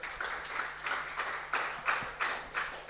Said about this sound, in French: On applaudit les jeunes filles, évidemment.